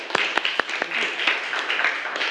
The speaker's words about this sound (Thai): เก่งมากค่ะปรบมือให้กับเพื่อนคนที่2ด้วยค่ะ